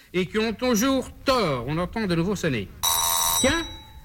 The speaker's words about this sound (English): oh, the doorbell. Someone must be there.